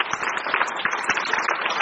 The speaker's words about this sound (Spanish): Aplauso para el Señor. Démosle a Él la gloria.